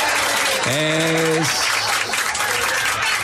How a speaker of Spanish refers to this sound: Aplaudan, aplaudan y no dejen de aplaudir. Otra vez aplaudan, amigos. Aplaudan.